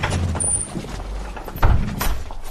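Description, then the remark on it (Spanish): A door is pulled open with a dull clunk and a brief scraping rattle, set against a steady low rumble of background noise. “¡La puerta está abierta!”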